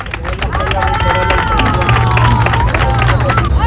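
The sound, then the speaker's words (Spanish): A loud crowd at the port of Ceuta claps and cheers without a break, seeing off 60 Andalusian boats, with rapid overlapping applause, raised voices and shouts layered over a low steady hum, all at a constant, busy level. “Ceuta ha despedido entre aplausos y vivas a los 60 barcos andaluces llegados al puerto ceutí en solidaridad con la ciudad autónoma.”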